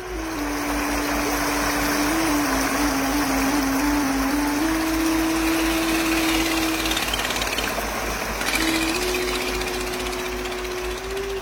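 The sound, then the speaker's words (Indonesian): Continuous rushing water fills the riverside scene, a dense, steady wash of sound with a low mechanical hum droning underneath, like a motor or pump, and no voices. “Sita duduk sendiri di tepi sungai, mengingat pesan orang tua, adiknya, dan Amang Hadi.”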